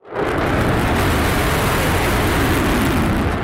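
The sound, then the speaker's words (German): An F-35 fighter jet roars on takeoff at over 100 decibels, a loud, steady wall of rumbling, hissing engine noise that starts abruptly and holds at full strength throughout, with no voices. “Der F-35 ist alles andere als ein diskreter Vogel. Eine Lautstärke von über 100 Dezibel bringt er beim Start problemlos her.”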